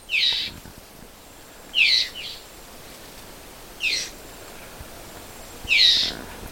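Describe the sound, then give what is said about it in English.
A red-eyed vireo gives harsh, nasal complaining calls, four short scolding notes spaced about two seconds apart, clear over a quiet outdoor background with no talking. “That's the vireo, the red-eyed vireo, and it's, I call it a complaining sound.”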